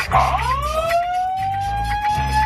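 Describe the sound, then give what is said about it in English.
A siren-like alarm sound effect wails upward in a rising glide, then holds a steady high tone with harmonics, over a low rumbling hum throughout. “The dry hump alarm.”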